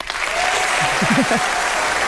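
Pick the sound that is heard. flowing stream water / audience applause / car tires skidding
audience applause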